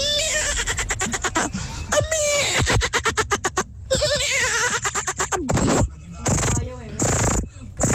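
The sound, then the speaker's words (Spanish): A person imitates a baby horse's whinny with rapid, quavering, high-pitched trills in several bursts, the later bursts sounding thinner and more cat-like, like a foal crossed with a cat. “Como un caballo bebé. Está cruzado con gato.”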